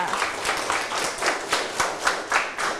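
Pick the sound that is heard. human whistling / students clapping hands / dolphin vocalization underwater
students clapping hands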